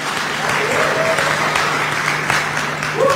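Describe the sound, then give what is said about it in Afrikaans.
An audience at a church service claps hands for the king in a dense, sustained wash of applause for several seconds, loud and steady, with faint voices and a low hum beneath. “Ons klap hande vir die koning, nie vir die mens nie.”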